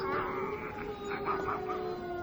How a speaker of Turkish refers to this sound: Kurtları göremiyorum ama ulumalarını duyuyorum dede.